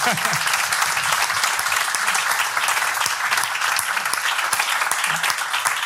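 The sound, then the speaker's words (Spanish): Steady applause from an audience at a Radio Praga event welcoming a guest fills the whole stretch, a dense wash of many hands clapping at even loudness, with a few faint voices murmuring underneath. “Así que, bueno, ante todo le daría un aplauso”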